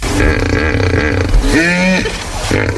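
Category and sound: animal, hippopotamus call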